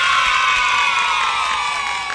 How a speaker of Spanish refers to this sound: aplausito por favor.